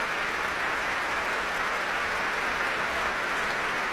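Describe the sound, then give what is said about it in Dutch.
Sustained applause from a large concert hall audience in Amsterdam after Tchaikovsky's First Piano Concerto, played by South Korean pianist Sejong Yun Cho with the Concertgebouworkest under Dima Slobodenjuk; a dense, steady wash of many hands clapping at an even loudness with no voices over it. “En een heel groot applaus hier in Amsterdam.”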